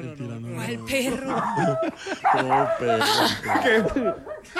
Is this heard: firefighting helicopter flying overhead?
no